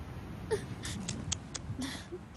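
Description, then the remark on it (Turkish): Soft, breathy whimpering and quiet crying, a few shaky sobs and sniffling breaths in short uneven bursts, faint and close with no clear speech. “Ağlama. Olur mu?”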